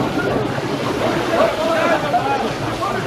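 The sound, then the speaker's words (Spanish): Water rushes and floods into a ship with a steady, churning roar that never lets up, reaching the rudder tube and still rising, while a faint wavering whine drifts over it and muffled voices sit low in the mix. “Dile al jefe de ingenieros que el agua llega al tubo del timón y sigue subiendo.”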